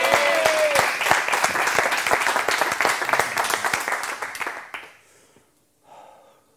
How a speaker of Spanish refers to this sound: Vamos a disfrutar con Gerard Jofre. Un aplauso para él. ¡Vámonos!